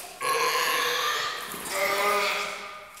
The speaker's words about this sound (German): Ist schon nett, so eine kleine Robbe, gell? Ja.